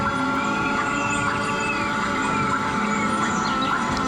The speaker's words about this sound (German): Vögel? Es könnten auch Vogelstimmen aus dem Amazonas sein, denn die brasilianische Klangkünstlerin Bella Compson mischt für ihre Klanginstallation im Park die in Klänge umgesetzten Magnetfelder von Bäumen mit Sounds aus dem brasilianischen Regenwald.